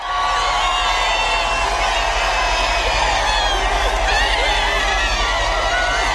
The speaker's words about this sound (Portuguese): Enquanto o Papa era aclamado pelos fiéis, uma multidão o aguardava no destino final da visita a Paris, a Praça da Concórdia.